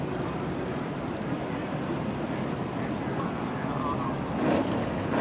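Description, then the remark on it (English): A Supercat racing powerboat engine roars loudly and steadily throughout, a dense rushing drone mixed with wind and water noise, swelling briefly near the end as the boat passes. “Looks like we got a Supercat there.”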